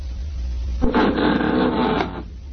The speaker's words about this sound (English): There goes the front door. Somebody's come in.